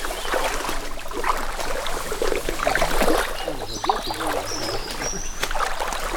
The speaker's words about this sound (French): Moi j'adore cette rivière, cette rivière.